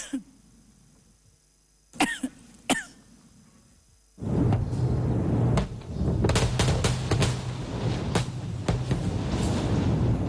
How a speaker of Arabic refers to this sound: هكذا بدت اللحظات الأولى لواحد من أضخم التفجيرات التي نفذها الجيش الإسرائيلي في جنوب لبنان، وتحديدا فيما وصفته وسائل إعلام إسرائيلية بمدينة حزب الله العسكرية تحت الأرض بالقرب من قلعة الشقيف.